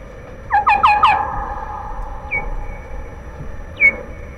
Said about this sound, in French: Alors, dans ces conditions, il y a des réactions qui peuvent être bruyantes, c'est-à-dire qu'une des chauves-souris n'accepte pas l'intruse et on a des cris.